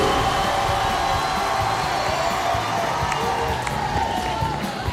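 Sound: applause and cheering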